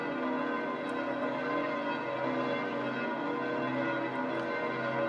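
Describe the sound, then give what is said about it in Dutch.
The church bells of St. Peter's Basilica ring continuously. Several bells overlap into a dense, sustained wash of clanging tones with steady loudness and no voices. “Alle pelgrims die zoeken nu hun weg, terwijl wij nog mogen luisteren naar de klokken van de Sint-Pietersbasiliek.”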